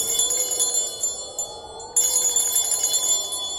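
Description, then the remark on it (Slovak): A small bell at a city gate rings continuously with a bright, shimmering tone, struck again about halfway through so the jangling swells back up, with no voices. “No vidíš, tak si to mal urobiť hneď. Zvonček je na to, aby sa ním zvonilo.”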